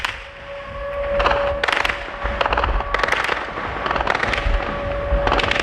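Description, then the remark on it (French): Anti-aircraft defences fire in daytime at a Ukrainian drone passing at low altitude over the port of Sevastopol, Crimea: repeated rapid bursts of sharp, loud reports separated by short pauses, while a steady high-pitched engine hum drones underneath throughout. “En plein jour, hier, un drone ukrainien passe à basse altitude au-dessus du port. Les défenses antiaériennes ne le touchent pas”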